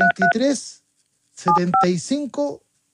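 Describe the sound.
Short touch-tone keypad beeps sound in quick pairs, about four in all, clear, as a friend's phone number is dialed to call him, mixed in with a voice talking between and over them.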